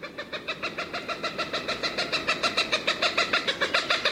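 A rapid, steady series of repeated bird calls, about six per second, fairly loud and close, continuing without pause and with no talking.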